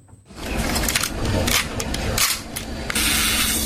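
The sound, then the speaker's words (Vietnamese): An old film camera's mechanism whirs and rattles steadily for several seconds, punctuated by a few sharp shutter clicks partway through, with no voices. “Âm thanh này rất thân thuộc, những chiếc máy ảnh hiện đại ngày nay không thể tạo ra tiếng tách như vậy được.”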